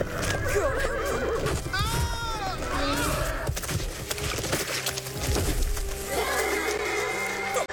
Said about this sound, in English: Knees broken, that's all I know. And it was the best horse in my stable.